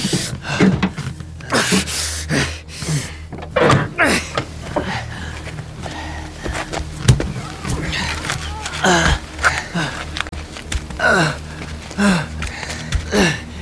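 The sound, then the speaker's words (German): Someone strains to force open a car door jammed by the impact of a crash with a moose: repeated heavy thumps and bangs, metallic creaks and scrapes, and effortful gasping breaths, all fairly loud with no talking. “Die Tür hat sich durch den Aufprall verklemmt.”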